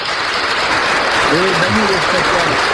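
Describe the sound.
Steady, dense applause for someone who is going to the Vatican fills the whole stretch, with a voice briefly speaking over the clapping partway through.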